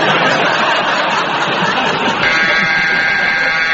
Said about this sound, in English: And that very attractive, very long buzzer means that it's the end of that round and it is the end of tonight's programme.